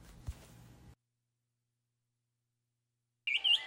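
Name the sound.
wood thrush song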